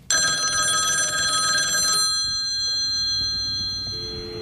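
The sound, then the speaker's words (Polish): A telephone bell rings loudly for about two seconds in a rapid metallic trill, then cuts off, leaving a fading ringing tone and faint background hum. “Halo, nie mogę rozmawiać. Dziś jest dzień bez telefonu.”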